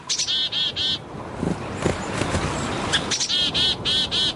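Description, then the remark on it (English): A flock of birds calls in winter, with bursts of short, high, buzzy notes repeating in quick runs at the start and end and a jumble of softer chatter between them. “In fall and winter, birds that might have spent the summers with just their mate gather into flocks.”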